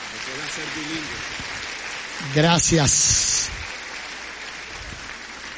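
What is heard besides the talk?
audience applause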